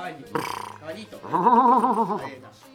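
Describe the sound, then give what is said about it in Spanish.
A horse whinnies with a loud, quavering, vibrato-like cry lasting about a second, preceded by a brief noisy burst and then trailing off. “Caballo Uruguay. Muy bien, muy bien. Ahí está el caballo.”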